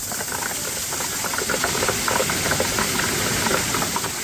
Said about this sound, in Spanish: Esto que escuchan es granizo, el que cayó ayer, como decimos, en la zona del Collado Germoso, en los Picos de Europa, en la zona de León.